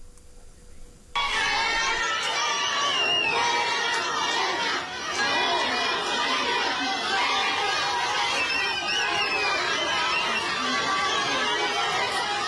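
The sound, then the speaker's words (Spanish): A large crowd at an airport shouts and yells loudly and continuously at an arriving politician, many voices overlapping in a dense, agitated roar that kicks in abruptly after a quiet second and keeps going without a break. “Dijeron después, es que la gobernadora mandó a gente a gritarle.”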